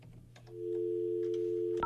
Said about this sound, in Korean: 전화를 한번 해볼게요.